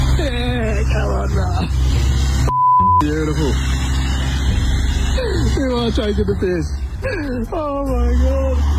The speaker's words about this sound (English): he's the one that's taking this photo of this car that has got the slowest getaway.